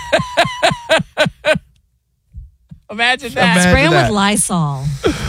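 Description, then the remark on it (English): Six quick, sharp, loud bursts of Lysol aerosol spray hiss out in a rapid rhythm at roaches. After a short pause, a person starts talking. “Spray them with Lysol.”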